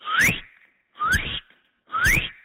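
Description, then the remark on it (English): A person in Halifax practicing bird calls whistles an imitation of a northern cardinal: three loud, evenly spaced rising whistled notes, each sliding upward in pitch with a breathy edge, separated by short silences. “That's a northern cardinal.”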